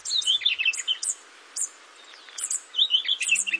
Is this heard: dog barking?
no